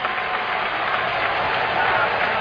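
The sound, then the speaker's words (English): A baseball stadium crowd roars in a dense, steady wash of noise for a couple of seconds as William Contreras comes up to bat. The level stays even throughout, with no single voice standing out. “Crowd making noise.”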